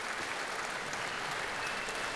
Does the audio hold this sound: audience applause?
yes